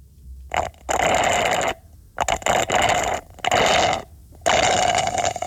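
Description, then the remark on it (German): Four loud, gurgling slurps through a straw from a cup, each lasting about a second, with a bubbly, airy rasp and short pauses between them. No one speaks. “Mit dem Röhrle schlurfst du irgendwas aus einem Becher.”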